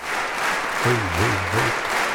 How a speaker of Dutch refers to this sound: Maar echt, dit applaus gaat nog tijdenlang door. Ik kan het even doorspoelen, want uiteindelijk hoor je niet echt een AVRO-applaus, maar meer een... Even kijken hoor. Ja, dit.